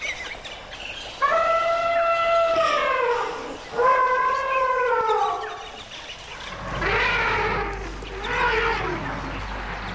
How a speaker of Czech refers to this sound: Tam opravdu byla vidět jenom ta obloha a ty hvězdy a pod tím to dupání a funění a troubení slonů a ty malé sluněta, které si tam mezi sebou kočkovaly u toho napajedla.